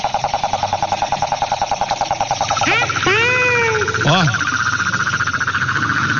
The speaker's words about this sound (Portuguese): Esse passarinho gosta de chuva. Esse tempinho de chuva, esse passarinho gosta demais, viu? E ele é um passarinho meio diferente. E eu quero saber, ó, que passarinho é esse que apareceu na fazenda? Vamos ouvir. Ó, um passarinho meio diferente, ó.